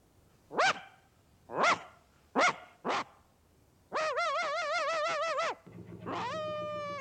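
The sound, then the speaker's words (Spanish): A small dog on the roof of a barge sailing on a river between fields barks four times in quick, uneven succession, loudly. It then lets out a long, wavering, howl-like cry followed by a rising whine. “Otro perrillo ladra desde el techo de una barcaza que navega por un río entre campos.”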